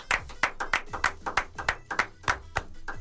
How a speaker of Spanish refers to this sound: Ese man tardó como 10 segundos, además seguía aplaudiendo.